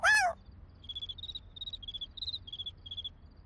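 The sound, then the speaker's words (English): A cricket, Chirpy the Cricket, chirps at nighttime in a steady series of about eight short, high-pitched trills, fairly soft, following a brief sharp sound at the very start. “Oh, Tango found Chirpy the Cricket.”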